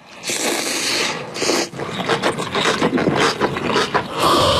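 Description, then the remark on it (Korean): Crunchy chewing of radish kimchi, a steady run of loud, crisp, crackling bites repeating for several seconds with no voices over it. “야, 이 씹히는 소리 무슨 소리야. 왜 이렇게 아삭아삭해?”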